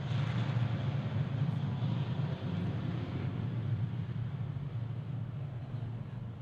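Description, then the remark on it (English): A steady, broad engine roar with a deep low-frequency drone fills the whole stretch, holding fairly level as an aircraft flies away, with no voices present. “Okay, as the plane heads off into the distance, hoping it's not landing in Sydney where they run into each other.”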